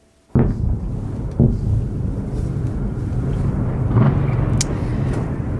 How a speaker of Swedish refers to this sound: Ja, tunga rökmoln över Kiev, så här lät det i onsdags när Ryssland avfyrade 24 ballistiska robotar i en av de dödligaste attackerna mot Ukrainas huvudstad i år.